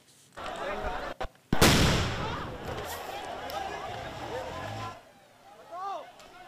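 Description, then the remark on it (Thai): Indian authorities fire a tear gas canister at protesters in India to disperse the protest, with a sharp, loud bang after a brief thump, followed by a sustained roar of crowd noise and scattered shouting voices that fade toward the end. “เสียงยิงแก๊สน้ำตาดังสนั่นนะคะตามมาด้วยภาพของกระป๋องแก๊สลอยแหวกอากาศไปตกอยู่กลางฝูงชนพร้อมกลุ่มควันสีขาวปกคลุมไปทั่วบริเวณแบบนี้เป็นความพยายามส่วนหนึ่งของทางการอินเดียที่ต้องการจะสลายการชุมนุม”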